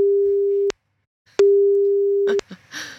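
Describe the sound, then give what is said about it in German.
A steady telephone ringback tone sounds twice, each long ring cut off by a click, with a pause between; after the second ring the line picks up and a voice begins to answer. “Und wir gucken mal, ob die Person, die ich hier rausgefischt habe, auch ans Telefon geht.”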